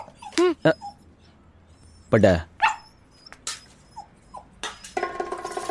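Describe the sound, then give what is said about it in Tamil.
A dog lets out a few short whimpers and yelping barks in quick bursts, with pauses between them and a rising clatter of background noise near the end. “அட பாவிகளா, நான் போட்ட டீ நாய்க்கா.”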